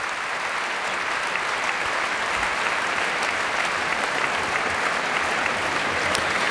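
Sustained applause from a concert audience in the grande salle Pierre Boulez, a dense, even roar of many hands clapping at a steady loudness for several seconds with no voices standing out, greeting young violin soloist Ava Bahari, conductor Bahar Avni and the musicians of the Orchestre de Paris.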